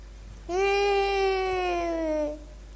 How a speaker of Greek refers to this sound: Ένα παιδί κλαίει.